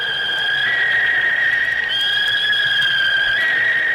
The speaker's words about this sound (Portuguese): Essa sonora vaia que você ouviu aí é pro Sport, né?